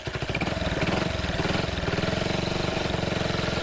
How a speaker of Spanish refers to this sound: Che, ¿no le arranca ahí la moto?